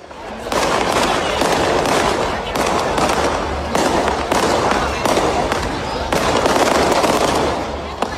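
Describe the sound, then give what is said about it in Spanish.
A loud, dense barrage of festival firework rockets in Torrenueva, Spain, celebrating Spain's World Cup semifinal win, bursting in rapid succession, crackling and banging almost continuously for several seconds with only brief lulls, filling the whole scene. “Cohetes para anunciar una fiesta marinera y también para seguir soñando.”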